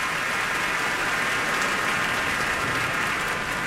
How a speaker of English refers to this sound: And they're curtsying and bowing to this cheering crowd.